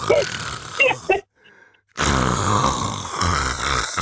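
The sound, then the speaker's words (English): A person loudly imitates snoring with rough, throaty grunting noises, broken by a brief pause before a long drawn-out rasping snort. “How on earth are you going to be asleep without snoring when you're sat cross-legged?”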